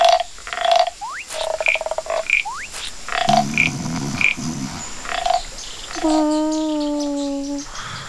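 A chorus of jungle frogs of many colours (orange, green with blue eyes, yellow with black spots) calls continuously, mixing short repeated chirps and whistles with upward sweeps, then a long, steady, buzzing croak with several layered tones near the end.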